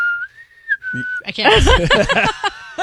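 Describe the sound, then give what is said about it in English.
A person whistles the brief four-note tune from The Hunger Games, holding a clear high tone with a slight rise and a short break, before other voices come in loudly over the end. “Where she whistles, she goes...”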